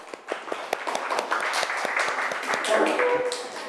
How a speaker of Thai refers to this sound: อ่ะปรบมือเพื่อนหน่อยค่ะ